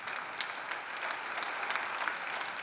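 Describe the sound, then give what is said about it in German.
Bremen SPD party members applaud a speech: a dense wash of clapping hands with scattered sharper claps, sustained and even in loudness throughout. “Doch der Jubel kann nicht darüber hinwegtäuschen, dass die stolze Bremer SPD schrumpft.”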